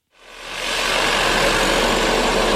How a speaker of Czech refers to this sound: Teďka tady vidíte vrtací stroj, který tady dělá vývrty pro trhací práce.